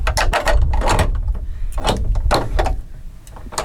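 Someone knocks repeatedly on the heavy wooden door of a walled church enclosure, opened with a large key, to announce a visit: about ten loud, hollow thuds in an uneven rhythm over a low rumble, with no talking.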